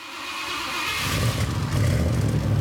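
A Thunderbird car engine turns over and catches about a second in, then settles into a loud, rough revving rumble over a steady hiss, with no one talking.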